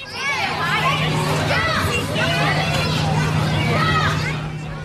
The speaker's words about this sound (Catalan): Corredisses, xivarri, crits, riures, pilotes de futbol que boten... Efectivament, és un pati d'escola o d'institut.